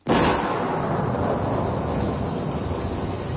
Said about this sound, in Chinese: 听唔听到好大嘅雨声啊？听住呢啲点滴嘅雨声，你会谂起咩咧？